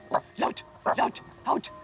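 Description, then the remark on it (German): A trained film dog on a boat barks on the command "Laut", giving several short, sharp barks in quick succession, fairly loud, with brief pauses between the bursts. “Laut. Ja, das kommt natürlich auch immer wieder mal vor, dass ein Hund auch mal auf einem Boot mit dabei sein muss.”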